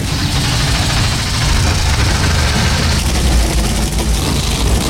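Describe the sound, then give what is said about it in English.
A field of 36 NASCAR stock car engines, started for the All-Star Race at the Monster Mile, rumbles together in a loud, steady, deep roar that stays even throughout, with no talking over it. “Field of 36, come to life.”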